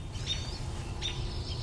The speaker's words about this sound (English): And hear the pine siskin.